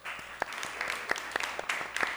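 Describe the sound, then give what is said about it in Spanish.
An audience applauds steadily to welcome a doctor, a dense wash of overlapping claps with a few sharper individual hand slaps standing out, moderately loud and continuous throughout. “Un fuerte aplauso también al doctor.”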